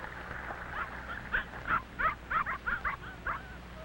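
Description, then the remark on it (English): A big red setter dog barks in a quick run of about eight short, yappy barks, moderately loud, with a faint whine at the start and no voices. “A big red setter is running toward them.”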